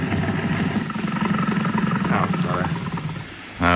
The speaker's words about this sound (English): Now, can't we give the engine a rest? Just racing it here, anchored in my own harbor, is too much like treading water when I really want to be in the swim.